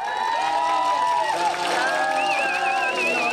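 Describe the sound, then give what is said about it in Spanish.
A large stadium crowd of fans at the Coloso de Santa Úrsula sings Cielito Lindo in unison to cheer on the national team, a loud, sustained wash of many voices carrying a slow melody, with a high wavering whistle-like tone rising above it toward the end. “pero el cielito lindo va a rugir ahí en el Coloso de Santa Úrsula.”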